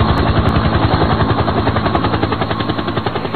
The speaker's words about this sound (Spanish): Helicóptero. Sí.